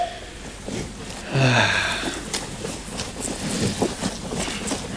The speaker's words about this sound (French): Enfin, j'entends un petit truc, mais... C'est peut-être le vent. Franchement, c'est pas concluant du tout, hein.